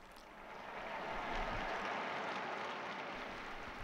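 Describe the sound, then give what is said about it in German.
A large crowd applauds as Pope Leo appears at the window for the Sunday Angelus, a dense, continuous wash of clapping that swells slightly and then holds at an even level throughout, with no voices on top. “Sie hören den Applaus.”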